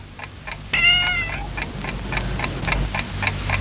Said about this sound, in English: Oh, it's the cat. It's knocked something off the table.